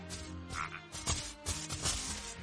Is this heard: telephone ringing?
no